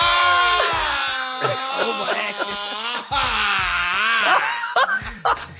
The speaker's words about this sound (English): You're going to have to let out some primal screams or some guttural sounds. Like what? Like what? Ah!